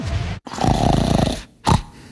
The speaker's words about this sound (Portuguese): Você ronca? Conheça o aparelho intraoral, que é uma alternativa segura, eficaz e confortável para o problema do ronco e apneia do sono